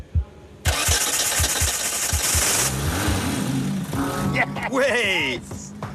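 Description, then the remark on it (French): The 1400 cc engine of a GT car cranks with a few rhythmic low thumps, then fires into a loud, steady roar, its induction ignition noisy, with a rumbling, whining turbo note that rises and falls; excited voices shout toward the end. “Le moteur de 1400 cm3 va-t-il démarrer et donner vie à la GT ou pas?”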